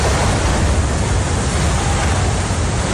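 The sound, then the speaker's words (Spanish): The tunnel boring machine Mairit breaking through into Madrid-Río station in Madrid, completing the first 1,116 metres between Comilla and Madrid-Río: a loud, steady roar of grinding and crumbling that fills the whole three seconds without pause, with no voices. “Este era el momento en el que la tuneladora Mairit llegaba a la estación de Madrid-Río.”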